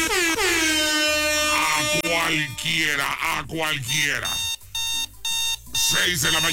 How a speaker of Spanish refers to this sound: Ponles la alarma para que se despierten, por supuesto, por su pollo. Ahí les va la alarma. Sí, sí anda despertando. Esta alarma sí anda despertando.